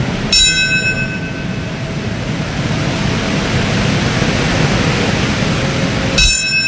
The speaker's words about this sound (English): Bells rang during ceremonies across the U.S., marking the moments when the planes crashed into the World Trade Center, the Pentagon, in a field in Pennsylvania.